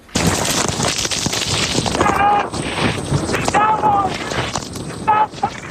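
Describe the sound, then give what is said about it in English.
Fierce winds of Hurricane Isaiah roar in a loud, unbroken rush that fills the whole clip, nearly drowning out meteorologist Reed Timmer reporting on the storm, whose voice surfaces only in brief, faint snatches of speech. “And you can hear the fierce winds there drowning out meteorologist Reed Timmer as he tried to report on the storm”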